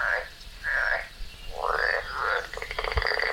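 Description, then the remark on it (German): A tree frog croaks loudly in a series of nasal, rasping bursts, ending in a rapid pulsing trill. No one speaks. “Laubfrösche können auch ihre Hautfarbe ändern.”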